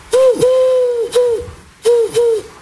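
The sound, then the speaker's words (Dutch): A dove or pigeon coos, soft hollow notes in two short phrases: a brief note and a long drawn one, then a pause and two more. No voices. “Is dat een duif, hè, of niet? Ja. Een duif, ah ja, ja, ja.”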